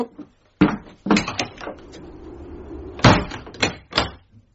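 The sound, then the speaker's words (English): A door is shut with a solid thud, followed by a series of metallic clunks and rattles, like a latch and lock being worked, then a final knock as it settles. “I was going to leave the door open as well, but I'm probably well going to lock it now.”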